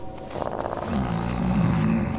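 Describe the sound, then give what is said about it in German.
A wolf growls low and steadily in a forest, a rumbling snarl that swells slightly louder toward the end, with no voices present. “Na, wer bist du denn? Was? Wer? Ein Wolf?”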